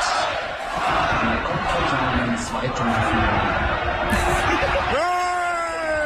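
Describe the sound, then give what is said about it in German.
A large crowd of about 3,000 fans at a public viewing roars continuously with many overlapping voices, counting down together as the device on the giant screen switches off, and near the end a loud rising cheer breaks out as the picture goes black. “Du guckst so lang, Gerät schaltet sich ab in und alle Fans mit dem Countdown so.”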